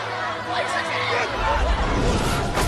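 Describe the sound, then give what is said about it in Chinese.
A dense crowd of angry students clamors all at once, a loud, continuous babble of many people shouting and talking over each other, swelling stronger toward the end. “学生们群情激愤”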